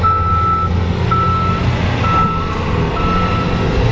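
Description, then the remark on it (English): A heavy truck's reversing alarm beeps steadily in long repeated tones over a constant low engine rumble, with downtown street traffic and construction noise filling the background in the afternoon, east of a mosque. No one speaks. “Construction, traffic, and people going about their afternoon became louder than the prayer itself.”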